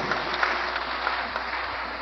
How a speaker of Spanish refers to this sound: Ah, le estás dando el aplauso a los médicos.